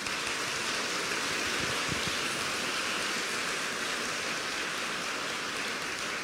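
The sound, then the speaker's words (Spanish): A church audience applauds God during a sermon, clapping steadily for several seconds, a dense, even wash of many hands clapping at once with no voices over it and no noticeable rise or fade. “Denle un aplauso al amoroso Dios.”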